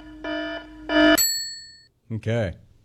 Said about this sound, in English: Is that your Smack Chat alarm